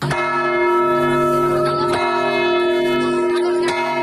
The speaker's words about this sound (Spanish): La ciudad de Granada, que 90 años después vuelve también a hacer sonar sus campanas por el autor.